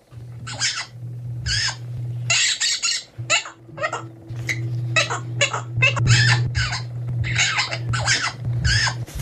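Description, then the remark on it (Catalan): A parrot named Quico squawks over and over in harsh, rapid, loud bursts, imitating the siren of a Mossos d'Esquadra police car, with a steady low engine-like hum running underneath throughout. “De cop, el lloro comença a imitar el soroll de la sirena dels Mossos d'Esquadra”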